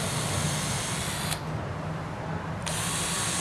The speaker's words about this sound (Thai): วิธีเจาะก็คือให้ตรงที่สุดเลยกดไปให้เต็มเลยนะครับแล้วก็ดันเข้าไป